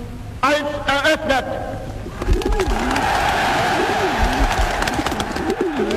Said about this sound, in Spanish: 20.000 palomas fueron liberadas como símbolo de la paz